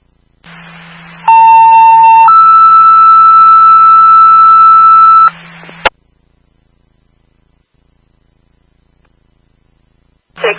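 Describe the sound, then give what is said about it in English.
Loud Palmer Fire dispatch alert tones: a steady pitched beep lasting about a second, then a slightly higher held tone for roughly three seconds, over a low radio hum, followed by silence. “16, stand by for the tones.”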